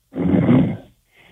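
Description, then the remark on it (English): A caller from Union County, New Jersey, asleep while on hold for a call-in show, snores; a loud, rasping snore comes through a muffled, telephone-quality line, a single long breath followed by a brief pause and the faint start of the next. “You can hear him snoring in the background, Dr.”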